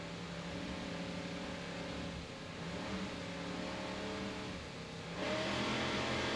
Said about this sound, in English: Let's listen to those Mercury engines as they rev up and start the race. Powered by two 800 horsepower Mercury inboards, 40 foot down.